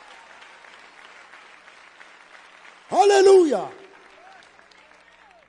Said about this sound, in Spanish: Désele ese aplauso de alabanza al Señor.